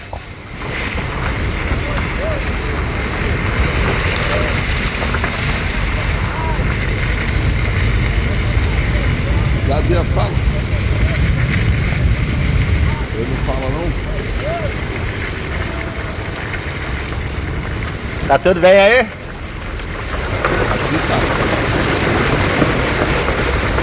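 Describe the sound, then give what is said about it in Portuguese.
A car pushes steadily through deep floodwater on the Estrada da Flecheira in São Pedro da Aldeia, Brazil, with a loud continuous rush and slosh of water over a low engine rumble, while people talk intermittently over the noise. “Olha só, esse é o barulho da água.”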